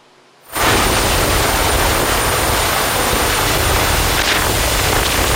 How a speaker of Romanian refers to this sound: A fost salvat într-un final cu ajutorul unui elicopter.